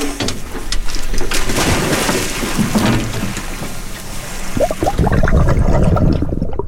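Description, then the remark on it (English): Heavy splashing and rushing water as the Samish dive team's divers go overboard from a research boat into the sea with sunflower sea stars, followed by loud bubbling and churning that swells near the end; no one speaks. “the Samish dive team are getting ready to go overboard with the sea stars.”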